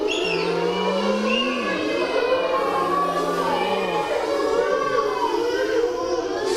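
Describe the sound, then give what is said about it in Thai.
Children imitate car engines with their voices for their teacher, steady droning hums that rise and dip in pitch, overlapping over several seconds against a busy background of other young voices. “ทำเสียงรถยนต์ให้คุณครูฟังหน่อย”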